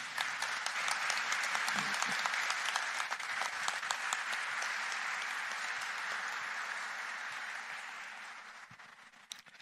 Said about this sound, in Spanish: Un aplauso para ellos.